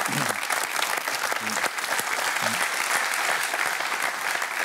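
Sustained audience applause fills the space, a dense, steady wash of many hands clapping at fairly even loudness, with a few brief low murmurs underneath.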